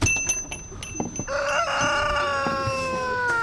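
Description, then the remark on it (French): About a dozen large, sociable hens cluck as they come toward the listener, with short broken calls early on giving way to a long, drawn-out crowing call that carries on to the end. “On est carrément entouré par une dizaine d'énormes poules maintenant qui viennent vers nous.”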